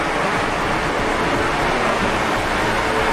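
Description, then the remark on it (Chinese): A dense drone swarm in flight, heading toward the red side's positions, gives off a steady, loud, blended buzz like a bee swarm that fills the whole clip like a continuous rushing hiss, with no pauses and no voices. “哇，这个蜂群发出的声音真的就跟蜂鸣一模一样。”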